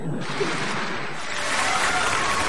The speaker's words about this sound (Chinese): 从大家的掌声啊，我听出来了。 什么呀？ 大家还是比较喜欢我们俩的。